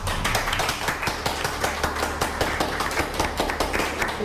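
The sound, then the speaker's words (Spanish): An audience in a temple in El Salvador claps with joy, many hands producing a dense, continuous patter of sharp claps at a steady brisk pace, fairly loud throughout with no voices standing out. “Aplaudamos todos de alegría y de felicidad.”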